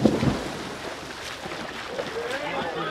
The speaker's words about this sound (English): The two shot off the side of the pool and into the water.